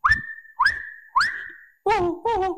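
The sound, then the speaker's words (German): A person imitating a whistle whistles three rising, sustained notes, each starting with a breathy onset, then follows with two short, wavering vocal tones, all fairly loud with no talking. “Da bist du ja wirklich ein großartiger Imitator.”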